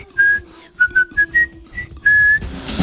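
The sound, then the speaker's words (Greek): A march tune from the film The Bridge on the River Kwai is whistled clearly: a string of short, bouncy notes followed by a longer held note, steady in pitch over a faint low hum, with no talking. “Εδώ, πραπαμ, παραπαπαπαμπαμ.”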